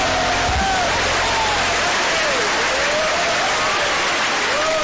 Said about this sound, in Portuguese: Palmas para Jesus, palmas para Jesus. Louvado seja Deus. Pode louvar a Deus com as palmas, aleluia.